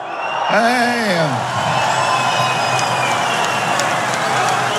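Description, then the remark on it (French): An audience breaks into steady, loud applause welcoming an Occitan-language novelist and poet as he is introduced, carrying on throughout, with a rising-and-falling whoop of cheering near the start. “Recevons sous vos applaudissements”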